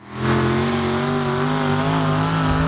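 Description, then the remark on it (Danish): A loud engine revs steadily, its harmonic drone holding high and slightly wavering throughout, with no voices, at Vojens Speedway Center in Denmark as the stadium is turned into a motor arena for the Danish tractor pulling championship. “Klokken er 12 minutter i 5, og nu skal vi slippe hestene løs.”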